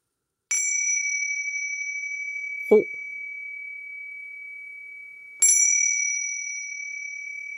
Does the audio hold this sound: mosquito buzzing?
no